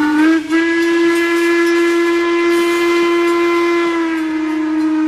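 A steam train whistle on the WMSR ice cream train in the Appalachian Mountains blows one long, loud, steady blast that holds a constant pitch for about five seconds, with hissing steam beneath it and no voices.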